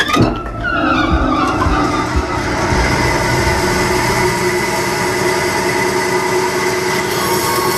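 A band saw in a wooden clog workshop starts up and runs with a loud, steady mechanical roar, a high whining tone sustained over the rumble for several seconds, as a log is pre-cut into the rough shape of a clog; no one speaks.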